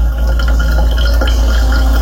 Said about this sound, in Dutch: Een doorloper van koffie. Ja, nu ik het weet, hoor ik het wel.